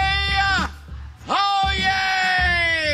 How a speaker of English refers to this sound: That's the world's loudest man. That's yelling all right. That's him saying, oh, yay, oh, yay, which is, I guess, his work as a town crier is where he gets the oh, yay stuff.